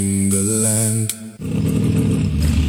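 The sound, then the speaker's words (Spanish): A motorcycle engine revs up with a rising, buzzing whine for about a second, cuts off briefly, then settles into a loud, rough idle rumble. No one speaks. “Escuché que andan unas motos mejores que la mía por aquí.”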